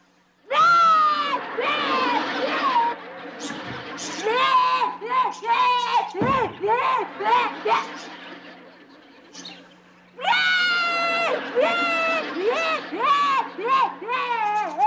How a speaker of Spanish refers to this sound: ¿Qué te pasa? ¿Por qué estás llorando? Porque yo quería palomitas de maíz y mi papá no me quiso dar dinero para comprar.